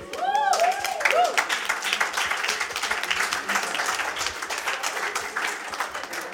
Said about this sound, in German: Einen herzlichen Applaus für?